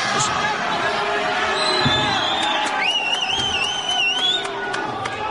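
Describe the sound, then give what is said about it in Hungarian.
An audience gives big applause to the leader of the Mikepécsi Anyák a Környezetért Egyesület (an environmental association), a steady, dense wash of clapping at an even loudness throughout, with crowd murmur underneath and a few thin, high whistling tones rising over it. “Nagy tapsot kapott a Mikepécsi Anyák a Környezetért Egyesület vezetője”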